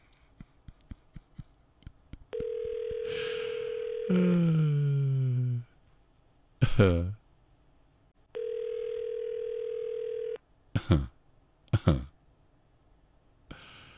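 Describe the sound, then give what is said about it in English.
Two long, steady ringback tones of an outgoing phone call from a radio show to a contest winner in Brossard ring a few seconds apart with no answer, while someone sighs and groans between them, along with scattered clicks and short vocal bursts. “We're trying to call this morning's winner”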